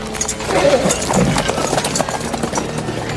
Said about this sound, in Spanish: Cuando está subiendo a su coche, Lot se le acerca en su caballo.